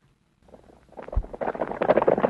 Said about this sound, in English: The sound of horses running.